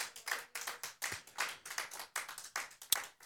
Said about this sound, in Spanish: Aleluya, palmas al Señor fuertes, glorificando su nombre. Aleluya, gloria a Dios.